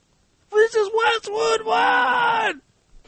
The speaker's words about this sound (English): They had a guy sit in the world's largest room, and they said, scream until it echoes, and then we'll record it. And they did.